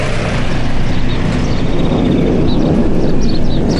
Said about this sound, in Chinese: 前几天飞机离我们远，今天飞机快降落了，离我们近，所以声才大。